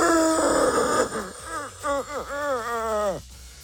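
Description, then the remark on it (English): A voice mimics the overworked fan of a roughly six-year-old laptop, starting with a breathy whooshing hum, then a string of whiny, wavering moans that rise and fall in pitch before trailing off. “You know when you hear your laptop breathing?”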